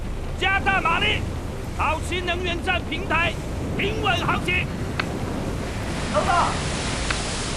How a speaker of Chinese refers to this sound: 报告总监，大风到来啊！风力达到7级